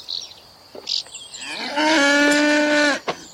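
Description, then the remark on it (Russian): A single loud, drawn-out cow moo rises in pitch and holds steady for over a second as a soldier milks the cow, after some faint rustling and small clicks, with no one talking. “Солдат в платке доит корову.”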